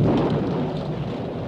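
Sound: thunder rumbling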